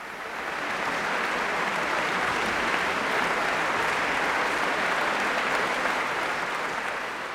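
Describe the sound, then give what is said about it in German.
Steady, dense applause from a large concert audience at the Beethovenfest in Bonn, at the end of a guest concert by the London Symphony Orchestra, a continuous wash of clapping that swells in quickly and holds at an even, loud level for several seconds with no speech over it. “Es ist unüberhörbar, das Publikum beim Bonner Beethovenfest war hin und weg am Ende dieses Gastspiels des London Symphony Orchestra am Rhein.”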